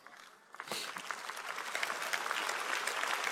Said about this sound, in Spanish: Vamos, si le vas a dar un aplauso a él, dáselo fuerte.